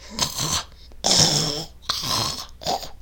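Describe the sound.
Someone imitates snoring with four rough, breathy snorts in a rhythmic sequence, each a raspy inhale-like burst with brief pauses between, fairly loud.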